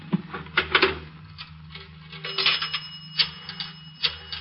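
A telephone being dialed in a restaurant to call a newspaper, a run of sharp mechanical clicks and ratchety bursts in an uneven rhythm over a low steady hum, with no voices.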